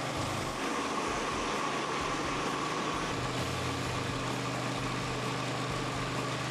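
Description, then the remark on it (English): A floor grinder fitted with blades runs continuously over a floor, a steady, dense mechanical drone with a low rumble and broad whirring hiss that never lets up, with no one talking. “Well, now it's just a matter of going slow and steady, but look at the difference in the floor after the grinder has gone over it.”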